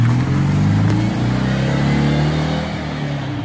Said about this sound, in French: Le son très caractéristique de la deux chevaux qui ne sera forcément plus le même puisque la nouvelle version sera électrique.